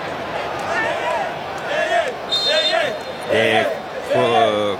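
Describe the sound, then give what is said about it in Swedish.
A stadium crowd of Congo football fans jumps, bounces and sings in rising, wavering chants during a match against England, with a steady roar of crowd noise underneath. The loudest chorus swells near the end. “Kongo-fans som hoppar och studsar och sjunger.”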